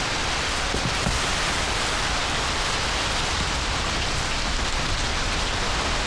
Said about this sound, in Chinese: 雨响了，我也该走了。